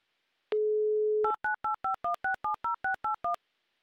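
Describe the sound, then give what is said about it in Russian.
A steady low telephone dial tone gives way to eleven quick, evenly spaced two-pitch touch-tone beeps as a number is dialed to call a listener back. No one speaks. “Ну, набор тоже красиво звучит.”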